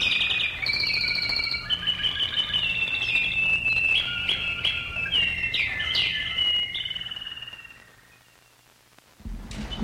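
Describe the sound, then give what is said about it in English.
A songbird sings a long, varied song of bright whistles, trills and rapid chirps that shift in pace, clear over a low steady background hum, fading near the end. “it's like they create the song, but it's never the same. And they'll go slower and faster.”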